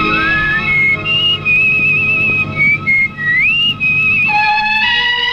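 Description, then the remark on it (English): A clear, melodic whistle carries a tune over steady background music, gliding between notes with sustained pitches and smooth slides, loud throughout. “whistling to chal rahi hai, lekin these are songs with humming.”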